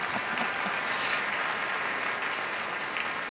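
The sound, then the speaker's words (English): An audience claps together in a steady, dense wash of applause that holds an even loudness throughout, with no voices heard over it. The applause is for a conductor. “please applaud him also, please.”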